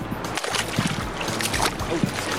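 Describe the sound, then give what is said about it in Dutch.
Water sloshing and splashing with irregular bursts as a person with rolled-up trouser legs wades barefoot into shallow sea water at a beach on a hot day, over a steady low rumble of surf. “Dat is inderdaad een stuk warmer dan het zand. Het water is warmer dan het zand.”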